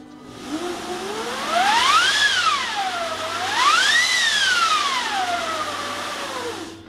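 A large orchestral wind machine, played for "The Winds of Hell" effect in a first movement, roars in two long swells, its howling pitch rising and falling over a steady rushing whoosh, fairly loud with no talking.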